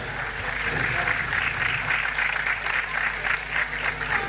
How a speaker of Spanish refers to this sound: Fuertes los aplausos, señoras y señores.